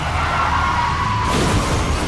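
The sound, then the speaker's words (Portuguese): A loud car crash: a dense, noisy roar that shifts partway through into rougher tumbling and crunching as the car rolls over. No one speaks. “Chefe está capotando.”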